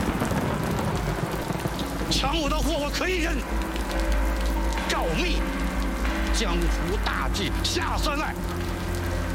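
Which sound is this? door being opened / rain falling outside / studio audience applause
rain falling outside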